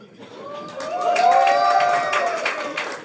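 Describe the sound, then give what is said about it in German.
A cabaret audience at a show by cabaret artist Severin Gröbner cheers and claps, with scattered hand claps under sustained shouts and whoops that swell after a quieter start and stay fairly loud throughout. “Also euer Herrscher. Jubel!”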